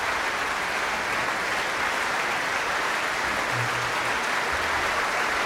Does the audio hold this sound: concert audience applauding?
yes